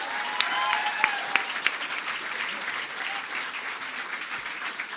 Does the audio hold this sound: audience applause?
yes